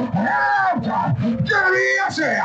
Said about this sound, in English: I say here for you on top of Nigeria FM 1.7. Let me hear you shout again. Shout again. To another the Lord.